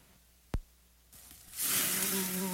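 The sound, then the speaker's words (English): A sharp click, then a steady whining buzz of a mosquito swells in and holds loud under a broad hiss until the end, with no talking. “Let's buzz over there and have a picnic of our own. Don't become a mosquito's meal at your own cookout.”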